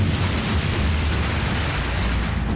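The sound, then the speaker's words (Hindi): Heavy rain pours down steadily with a dense, hissing wash, mixed with a low rumble of water from the drains running across a street. Constant and fairly loud throughout, no voices. “चलने में पानी बहुत है, सड़क में आ रहा है नालियों से।”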